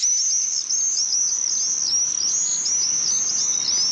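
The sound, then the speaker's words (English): A steady stream of shrill, high-pitched screaming swift calls, overlapping in rapid trills that sweep up and down, loud and continuous with no voices. “the only time swifts need to land is while they're nesting”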